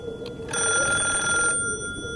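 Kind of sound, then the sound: household object, telephone bell ringing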